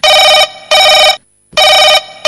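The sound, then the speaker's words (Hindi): A telephone rings loudly in a quick double-ring pattern, two short bursts, a pause, then another ring starting, with no voices. It is the first listener's call coming in to the Hello Akashvani radio phone-in programme. “तो आइए दोस्तों, कार्यक्रम की शुरुआत करते हुए सुनते हैं हमें ये पहला फोन किस श्रोता ने और कहां से किया है।”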